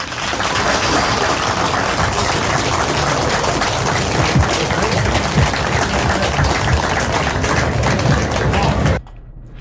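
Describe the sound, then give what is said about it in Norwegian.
A crowd claps steadily and loudly for scholarship recipients for about nine seconds, a dense, crackling wash of many hands that stays even throughout before cutting off abruptly at the end. “Og så det fint om nå tenker dere på sin plass og gir dere alle en stor applaus.”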